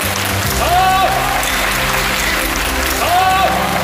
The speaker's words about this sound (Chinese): 这次演白蛇传真的可以说是下江南了，所以非常感谢大家鼓掌。